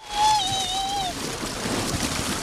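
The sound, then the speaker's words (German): Someone slides down a water slide into cool natural water on a 30-degree day amid a steady rush of churning water, a thin whistling or squealing tone riding over the first second before the splashy whoosh carries on alone. “Wasserrutsche runter.”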